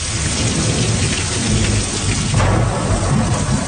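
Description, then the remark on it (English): Heavy rain pours steadily while deep thunder rumbles low and loud throughout, a continuous stormy wash with no voices. “A major storm is bearing down on the U.S. Gulf states.”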